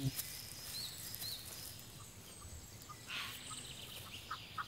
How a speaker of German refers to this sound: Für die Auerhühner ist der junge Wald als Lebensraum ideal. 4 Junge hat diese Henne.